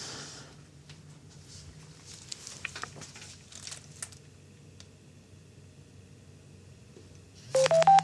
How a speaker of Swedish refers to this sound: Men det här är liksom kopplat till patientutrustningen. Alltså, skulle vi kunna få höra hur de nya larmen låter? Vi ska se, det är som en app i telefonen.